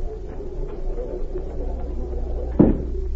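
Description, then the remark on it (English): A door clunks shut with a single dull thud near the end, heard over a steady low hum and rumble. No one speaks. “If you'll go out that door, you'll find the telephone on your left.”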